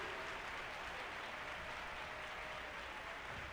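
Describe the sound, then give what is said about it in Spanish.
An audience at a church service claps steadily for the King, a dense, unbroken wash of many hands that stays loud and even for several seconds, with no voices over it. “Bien fuerte ese aplauso para el Rey.”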